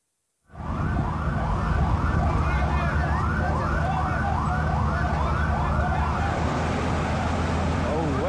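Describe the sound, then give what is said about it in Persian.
A wailing emergency siren at the scene of a suicide attack on a passenger train on the Quetta–Chaman route in Pakistan rises and falls in repeated sweeps over a loud, steady rumble of traffic and engine noise, continuous throughout. “دنا اوس په د سیټ کوټر حتمن میږي چې په دې کې اوسم د ایمرجنسي سایرن ژبون اوریدل کیږي.”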